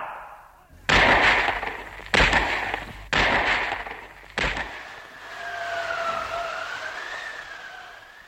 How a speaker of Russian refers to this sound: Их было пятеро, но раздалось только четыре выстрела. Пятый не последовал.